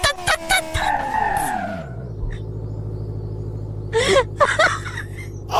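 In a video game, a car engine whines and then winds down while tires screech as the car skids and spins out, followed by a steady low rumble and a few bursts of voice or scraping noise near the end.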